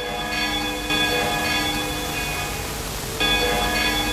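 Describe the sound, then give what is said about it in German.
Church bells of the old St. Paul's Chapel in New York ring together at 10 a.m. local time in a rich, sustained wash of overlapping tones, with fresh strikes every second or two layering over the lingering hum. It's fairly loud and steady, with no voices. “Um 10 Uhr Ortszeit läuten kurz die Glocken von der alten St. Paul's Chapel herüber.”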